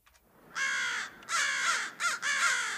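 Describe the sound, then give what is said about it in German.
Four harsh, loud crow caws in quick succession, each a raspy drawn-out call with brief gaps between, with no voices. “Repräsentative Umfragen haben ergeben, 95,9% der Hallenser Krähenpopulation empfehlen”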